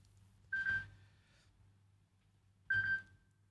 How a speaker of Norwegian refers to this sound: Det ringer, det ringer. Hör, vem kan det vara?